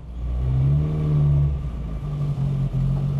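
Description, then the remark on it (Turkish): A rebuilt car engine revs smoothly, its steady low hum rising in pitch, then settling into an even idle with a brief dip near the end. No one speaks. “Ha gerçekten sesi öyle. Sesi de çok evet, pürüzsüz dostum, geliyor.”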